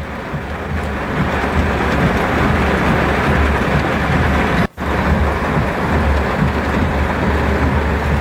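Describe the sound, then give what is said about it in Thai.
A loud, steady roar of heavy rain pouring down in Pattaya, at the Mum Aroi junction area on Pattaya Third Road, dense and unbroken, with a brief cut partway through and no voices. “มีคลิปเข้ามาเพิ่มเติมครับจากเพจเทศกิจพัทยาโพสต์นาทีฝนถล่มอย่างหนักเลยฮะของพัทยาจะเป็นแยกบริเวณมุมอร่อยนี่แหละครับพัทยาสาย3”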